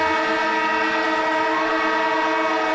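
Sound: siren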